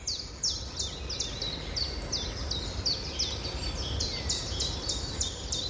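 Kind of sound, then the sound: bird, birds singing in spring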